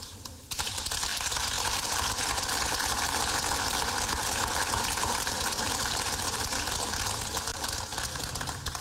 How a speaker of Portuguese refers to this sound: São palmas dos deputados.